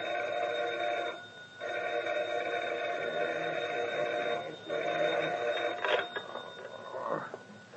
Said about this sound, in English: At dawn the next morning, the phone rings at … home.